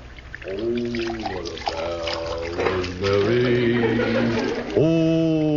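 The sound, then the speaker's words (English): Water pours into a glass in a few separate bursts, each with a hollow, gurgling tone that climbs in pitch as the glass fills. Fairly loud, with no talking. “ain't you got that glass of water yet?”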